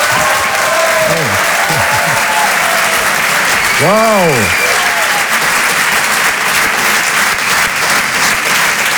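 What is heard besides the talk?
thunderous applause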